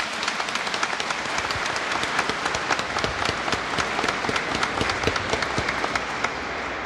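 A church audience applauds the newly authorised parish administrator steadily for several seconds, a dense wash of many hands clapping at once with sharper individual claps poking through, sustained throughout.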